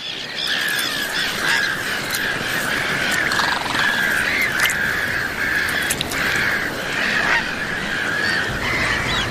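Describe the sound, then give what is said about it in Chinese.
A dense chorus of many birds nesting on a small island surrounded by water, harsh honking and cawing cries overlapping continuously at a steady, loud level, with no pauses and no voices. “鸟类可以安全地降落在这个小岛，放心地筑巢和交配。一旦有危险来临，周边的鸟类都会发出警报。”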